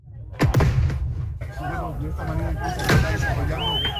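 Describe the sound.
Two sharp, loud bangs, from tear gas fired by police and firecrackers lit by protesters, burst out a few seconds apart over a noisy crowd at a street protest in Bolivia, with shouting voices and a steady outdoor rumble throughout.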